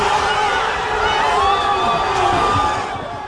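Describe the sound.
A crowd of Spain football fans in front of a big screen roars in celebration as their team scores the first and only goal, a dense, sustained wall of overlapping shouting voices that stays loud throughout before easing off slightly at the end.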